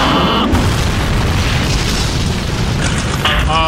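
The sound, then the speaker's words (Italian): Maverick's fighter jet crashes into the ground: a loud, continuous booming roar with heavy low rumble, framed by a thin high-pitched whine at the start and again near the end. “Credo che l'aereo di Maverick, come comandante, che sia schiantato al suolo.”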